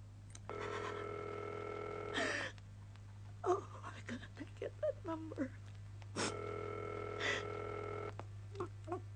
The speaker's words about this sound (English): We are ringing Ordway 3787 for you, caller.